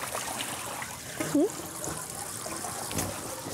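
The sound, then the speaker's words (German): Water trickles and splashes steadily over two young seal pups cooling off, a soft continuous wash of sound, briefly interrupted by a short rising whine partway through. “Erstmal ein bisschen abkühlen.”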